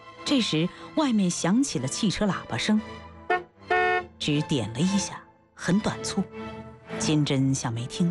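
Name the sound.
short car horn toot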